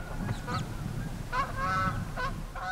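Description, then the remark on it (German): A chattering flock of brent geese honks on Amrum in spring, several overlapping calls rising and falling over a low steady rumble of wind or surf, moderately loud. “Doch das nächste Problem ist schon da. Ringelgänse.”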